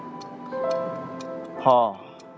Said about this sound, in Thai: พ่ออยากได้นาฬิกาโบราณอายุร้อยกว่าปีที่มีนกกุ๊กกูบอกเวลา